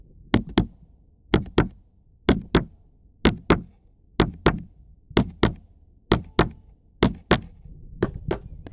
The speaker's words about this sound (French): Le battement de mon cœur.